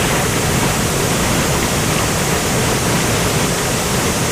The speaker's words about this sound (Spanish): Así suena este salto de agua de 10 metros y que existe gracias a una antigua central hidroeléctrica. De alto, pues tiene unos 10 metros aproximadamente de alto.